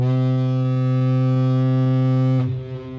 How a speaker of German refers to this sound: Ein wirklich riesiges Schiff mit mehreren Stockwerken. Auf dem Oberdeck sind eine lange Wasserrutsche und ein Swimmingpool. Aus den großen Schornsteinen steigt schon etwas Rauch nach oben. Da hören sie das Schiffshorn.